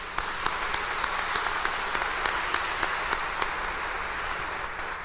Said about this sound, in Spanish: Les damos una cordial felicitación y bienvenida a quienes están participando en esta celebración, y les damos un fuerte aplauso de felicitación.